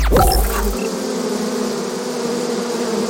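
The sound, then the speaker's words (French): A dense swarm of thousands of bees buzzes steadily and loudly, a continuous droning hum with layered tones that fills the whole recording without pause, no voices present. “vous mettez des abeilles dans l'oreille, là. Oui, des milliers d'abeilles, rien que pour vous et pour éviter que des éléphants ne s'invitent dans ce studio.”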